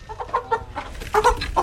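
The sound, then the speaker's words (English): Several chickens cluck in short, choppy bursts, a busy overlapping chatter of hens kept in a garden, with a low rumble of outdoor background noise underneath. “an animal lover who looks after chickens in his garden and cares for goats which graze around the town.”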